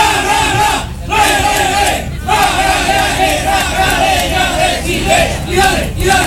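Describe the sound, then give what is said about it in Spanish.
A stadium crowd of Magallanes supporters roars and shouts in unison, a loud sustained wall of voices with rhythmic swells and brief dips, like chanting as the team is about to take the field. “A escuchar, ahí está el grito.”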